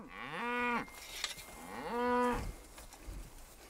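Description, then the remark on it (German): Two long, loud moos from a cow in a cattle herd being moved across land next to a horse farm, each a drawn-out bellow with a rising then falling pitch, separated by a short pause. “Damit dessen Tiere und die Rinder nicht durcheinanderlaufen oder sich gar umrennen,”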